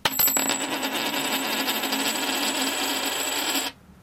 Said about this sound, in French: Alors on va régler ça à pile ou face. Pile les peintres, face le blabla au passé simple.